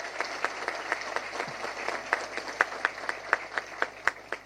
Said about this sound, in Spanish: Un fuerte aplauso para el ministro Juan Carlos Baruja.